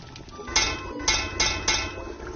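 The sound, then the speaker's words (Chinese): Someone taps the rim of a cooking pot to signal that the food is cooked and ready to eat: four sharp, ringing metallic knocks at uneven intervals over a low, steady background rumble, with no talking. “您最后敲两下这个锅边是什么意思？”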